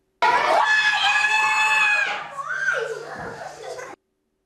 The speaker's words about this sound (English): Quiet, she was shouting there. I thought that was a bit louder than he was, actually, to be honest. That was her during one of her school sessions.